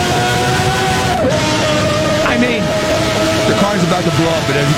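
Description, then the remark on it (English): A V12 race car engine, Senna's car with no traction control and no ABS, screams at high revs, loud and steady, its whining pitch rising and dipping slightly as the throttle shifts, over a dense roar of mechanical noise. “Just a bunch of horsepower and aero. And this is a V12.”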